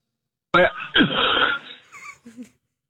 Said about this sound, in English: I just got done with some cereal. I think I got a piece that was stuck in my throat. I didn't mean to cough on the phone.